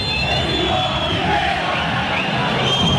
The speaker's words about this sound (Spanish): Se la raya al centro, al área de Racing con los puños, sale Cambeses, la manda fuera lateral, cuando el árbitro, Yael Falcón Pérez, mire la silbatina que se viene. Lo terminó Falcón Pérez.